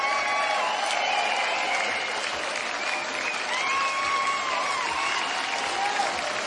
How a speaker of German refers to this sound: Den Applaus haben sie sich verdient,